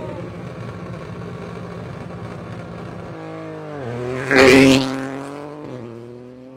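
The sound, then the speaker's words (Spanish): A Ford Fiesta rally car driven by Martínez and sponsored by Foton sets off, its engine revving hard and accelerating, the pitch climbing through gear changes with a loud surge near the end before pulling away. “Acaba de salir el coche se fue, entonces. De Martínez con el Ford Fiesta, así es, con auspiciando pues la marca Fotón, ¿no?”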